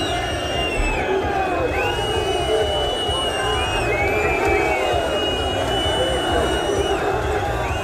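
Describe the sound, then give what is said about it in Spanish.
A large crowd of football fans protesting against the club's board outside Mestalla stadium as the players leave on the official team bus, a dense roar of shouting and jeering laced with repeated shrill whistles, loud and sustained throughout. “Concentraron a la salida del estadio para protestar contra la directiva, con Kiat Lin, el hijo de Peter Lin, que estuvo hoy presente en el estadio.”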